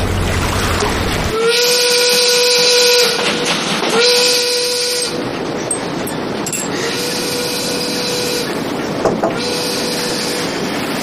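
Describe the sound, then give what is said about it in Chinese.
A steam train heading toward Xuzhou chugs along with a loud rumble while its whistle shrieks in several long, sustained blasts separated by brief pauses, continuous throughout. “这火车离徐州可是越来越近了”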